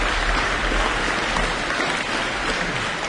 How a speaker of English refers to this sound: Well, they got a lot of applause there. It's still going. Let's give them a bit more of a hand.